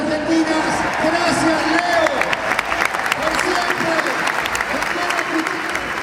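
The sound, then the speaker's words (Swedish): A huge stadium crowd of 85,000 applauds and cheers continuously as Leo Messi is honoured after his last match with the Argentina national team, a dense roar of clapping with rising whoops and voices swelling throughout, steady and loud for the whole stretch. “Och nu ska han tackas av här av de här 85 000 människorna som har samlats här på stadion.”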